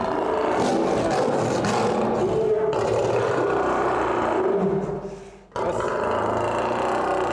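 An angry male lion roars and growls loudly behind an old, 100-year-old wire-mesh fence built so lions can bite into it, a deep, rasping, sustained sound that breaks off briefly near the end before surging again, with no one speaking.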